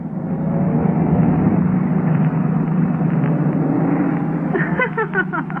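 A taxi's engine hums steadily as it drives along on its way to the Bachelor's Club, an exclusive residential club, a constant low rumble that fills the whole stretch at an even, fairly loud level with no voices.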